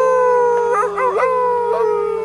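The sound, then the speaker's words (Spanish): A wolf howls in one long, sustained, wavering cry, its pitch bending and quivering midway before settling into a steady tone, loud with no talking. “nariz puntiaguda y grandes patas y aúlla.”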